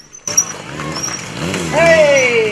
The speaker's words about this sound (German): Für das Auge gab es dann eine Motorrad-Stuntshow